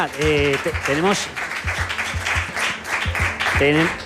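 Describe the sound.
A burst of applause for a guest, a steady wash of many hands clapping for about four seconds, with a few voices calling out or cheering over it at moments.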